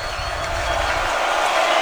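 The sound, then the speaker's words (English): A loud stadium crowd at a football game, with the Bombers on third and two at the Panther 5-yard line, roars steadily: a dense, continuous wash of many voices with no breaks or single words standing out, holding at roughly the same level throughout. “The crowd, as you can hear, is quite loud.”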